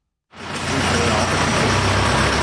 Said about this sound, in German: Ein kleiner Lastwagen fährt gerade aus der Garage vom Werkhof, dort die Tüfe ein bisschen ausserhalb vom Dorfkern.